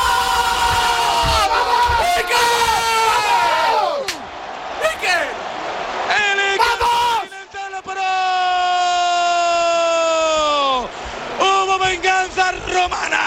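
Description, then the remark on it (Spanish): Goalkeeper Iker Casillas lets out loud, drawn-out triumphant shouts after saving a penalty from De Rossi, one long sustained yell in the middle, over a roaring stadium crowd with brief breaks between bursts. “Madre mía, qué grito soltó. Soltó toda la adrenalina.”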